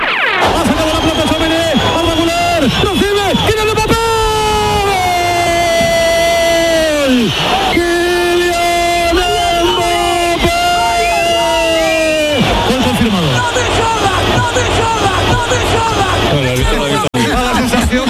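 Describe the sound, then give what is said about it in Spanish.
At the Oviedo versus Real Madrid match, after Mbappé's first goal, a fan in the stands beside the Radio Nacional de España commentary booth shouts and bellows in long, strained, pitched cries, one sustained yell after another, over the steady roar and babble of a stadium crowd. “Radio Nacional de España, tablero deportivo, el domingo, Oviedo Real Madrid, primer gol de Mbappé y un loco en la grada dando gritos”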